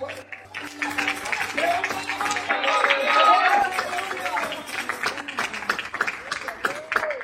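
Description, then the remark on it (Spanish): An audience claps hands steadily and loudly for the "King of Kings" during a sermon, a dense patter of sharp claps, with voices calling out and cheering over it throughout. “Pues dale palmas fuerte al Rey de Reyes, Señor del Señor.”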